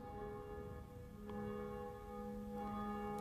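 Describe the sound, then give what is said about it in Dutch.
A church bell named Jacobus rings in a bell tower at 12 noon, its deep, sustained tones layered with bright overtones that hum and shimmer continuously, with a fresh clang struck partway through and no voices. “In de klokkentoren, die zich duidelijk laat horen, wel, daar is een van die klokken, die heet Jacobus, naast Barbara en Blasius, en die horen wij momenteel luiden.”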